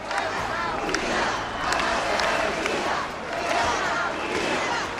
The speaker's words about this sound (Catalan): Els crits en favor d'Espanya, les banderes i els càntics contra el president Pedro Sánchez protagonitzaren la cita.